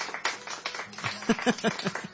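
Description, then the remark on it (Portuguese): A crowd claps steadily in a dense wash of applause celebrating two years of the radio programme Sertão Evangélico on Rádio Deus de Amor, with a few voices calling out over it midway through. It sounds moderately loud. “Eu quero ouvir os aplausos”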